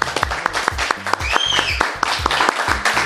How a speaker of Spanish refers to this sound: Aplausos, por favor.